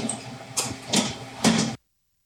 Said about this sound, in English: All right, and we are now hearing the gentle hum of a very large oven. Tell us a little bit about this. These are our 2 convection ovens. We can bake 5 trays of any product at one time, and convection bakes about 50% faster than your traditional oven